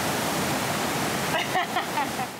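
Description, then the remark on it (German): A steady, loud roar of rushing water from an artificial surf wave inside a department store in Osnabrück, set to its smallest wave, fills the whole moment, with faint voices briefly surfacing beneath the torrent toward the end. “Kann man die Welle nicht ein bisschen kleiner einstellen? Das ist schon die kleinste Welle.”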